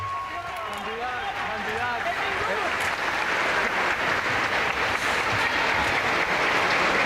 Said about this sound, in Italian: Il Papa è accolto anche da un applauso, naturalmente, dai fedeli che sono invece all'interno della cattedrale.